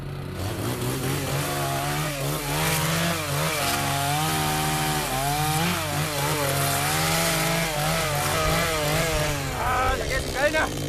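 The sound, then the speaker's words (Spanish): A chainsaw runs loud for the whole stretch, cutting wood, its engine whining steadily and rising and falling as it bites into the wood, with faint voices underneath. “Tenemos con la faca, con la motosierra,”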